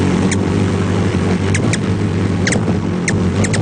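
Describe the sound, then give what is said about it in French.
Thin, high-pitched chips of a ruby-throated hummingbird calling while it feeds in a group: about eight quick squeaky notes, some doubled, scattered irregularly over a steady low engine-like hum. “Le colibri à gorge rubis, c'est pipiment lorsqu'il se nourrit en groupe.”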